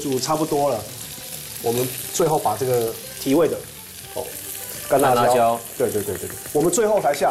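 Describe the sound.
A wok sizzles steadily over high heat with a constant bright hiss of stir-frying, running beneath people talking throughout, with occasional clinks and scrapes as the food is tossed.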